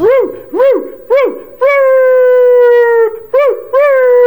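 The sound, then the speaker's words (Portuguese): Dogs howl loudly, starting with three short rising-and-falling yelps and then stretching into long, sustained wavering howls that fill the moment, with no talking. “A cachorrada tá em festa, menino.”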